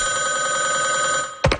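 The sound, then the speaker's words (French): A telephone rings with a steady, sustained electronic tone, then breaks off near the end into a few quick, louder bursts of sound. No one is speaking. “Des chasseurs plus paresseux préfèrent caler l'orignal directement par téléphone.”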